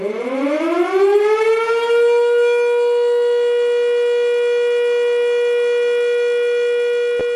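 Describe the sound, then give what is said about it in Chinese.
A civil defense air raid siren sounding the all-clear that lifts an air raid alert winds up from a low growl over about two seconds, then holds one loud, steady, rich-toned pitch for several seconds before cutting off abruptly. “全体市民请注意，全体市民请注意，现在发布解除空袭警报，请按指挥人员要求做好安全防护，有秩序撤离疏散。”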